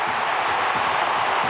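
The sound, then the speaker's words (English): A big stadium crowd at a Crows versus Western Bulldogs finals match roars and cheers as Riley Filthorpe kicks a goal from 48 metres, a loud, dense, unbroken wall of noise that fills the whole moment with no pauses and no one speaking clearly above it. “Listen to the crowd if he kicks it.”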